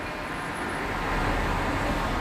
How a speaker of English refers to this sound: Cars.